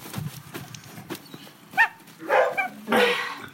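A dog barks three times in quick succession, loud, with faint knocking and shuffling noises underneath and no one speaking.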